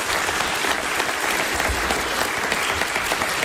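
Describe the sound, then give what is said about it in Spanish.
Steady, dense applause from a theatre audience for Federico Montalvo, founder of the hat shop Sombreros Montalvo, seated in a box on the firm's 85th anniversary. It is a continuous wash of many hands clapping at an even loudness throughout, with no voices standing out. “Un aplauso, por favor, para Federico.”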